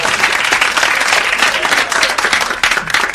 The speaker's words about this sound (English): The fans of the big game are chomping at the bit to get the game over. They're clapping sooner and sooner.